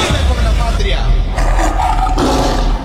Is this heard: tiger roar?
yes